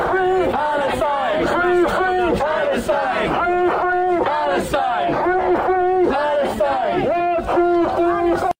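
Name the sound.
protest crowd chanting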